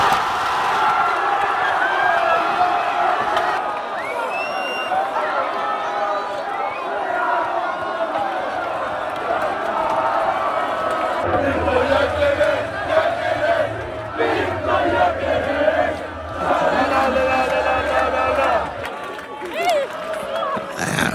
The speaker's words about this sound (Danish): Og når svenskerne de scorede, ja, så udløste det stor jubel til den svenske morgenfest. Bare lyt med her.